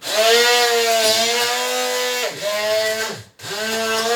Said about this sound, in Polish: Nie wkładam właśnie tam żadnej misy tego awokado, tylko tak jak mówiłam, do kubeczka, więc biorę ręczny blender i zaczynam blendować.